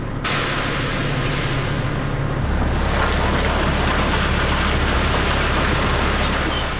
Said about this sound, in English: Together, we tailed a 20-ton coal truck making the rounds. It's frigid February as we follow it to Upper Fruitland near Farmington, New Mexico.